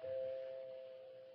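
A doorbell rings with a single steady, sustained tone that holds clearly for over a second and fades slightly toward the end, heard alone with no voices.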